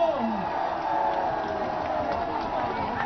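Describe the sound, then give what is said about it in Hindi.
A large crowd applauds and cheers in a steady, dense wash of clapping and voices that holds at an even, fairly loud level for about three seconds. The crowd is clapping for itself at a speaker's call. “एक बार अपने लिए जोरदार तालियां बजा दो।”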